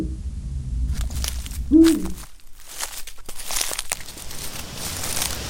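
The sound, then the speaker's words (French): A single deep, short hoot of a Eurasian eagle-owl, one of Europe's largest raptors, in the Bauges, surrounded by low rumbling and scattered rustling, crinkling noises, with no one speaking. “Nous partons à la rencontre du hibou grand-duc, l'un des plus grands rapaces européens.”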